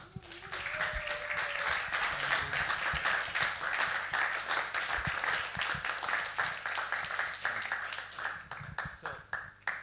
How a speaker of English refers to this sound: So a big applause for Theodoros Lottis.